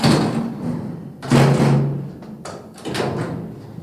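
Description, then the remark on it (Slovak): A door is slammed shut with a heavy thud, followed by a couple of shorter knocking impacts as it rattles into its frame. No one speaks. “Poriadne pribuchnite. Akurát.”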